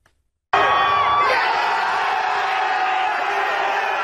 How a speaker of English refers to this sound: 4-1 win got tens of thousands of fans screaming inside SoFi Stadium, really across the country.